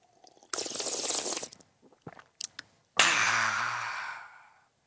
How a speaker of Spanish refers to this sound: Es más, me voy a tomar un sorbo de café.